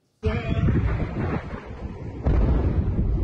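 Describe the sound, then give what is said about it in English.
Heavy explosions from US airstrikes at night in Chabahar, Iran, rumble in a deep, continuous roar, with a second blast surging in partway through, loud and distorted, recorded outdoors with wind buffeting the microphone. “East of the country, multiple explosions in Chabahar.”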